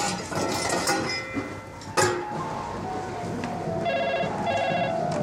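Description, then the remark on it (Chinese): A telephone rings in two short, bright trilling bursts toward the end, heard over a steady wash of background noise, with a brief thump a couple of seconds earlier. The phone is at the Sanqijie Hotel. “喂，你好，三七街宾馆。”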